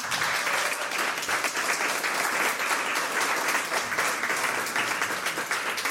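An audience applauds steadily for the full six seconds, a dense, even wash of many hands clapping with no pauses and no voices rising above it.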